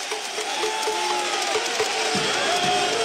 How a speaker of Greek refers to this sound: Χειροκροτούν οι Ισπανοί φίλαθλοι. Και πώς να μην χειροκροτούν με τέτοιες διαιτησίες που έχει η Βαλένθια σε αυτή τη σειρά.